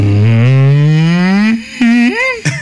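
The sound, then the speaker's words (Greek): A person on the morning show of Sfaira 102.2 radio imitates a depressed cow with a long, low, droning moo that slowly rises in pitch, followed by a couple of shorter, wavering groans. Loud, with no other talking. “Αγελάδα σε κατάθλιψη.”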